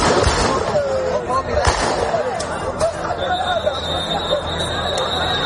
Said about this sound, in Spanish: después de que la Policía Nacional haya intervenido con disparos al aire para evitar una avalancha de un grupo de ilegales en el asentamiento de Loma Colmenar. Así sonaba este momento.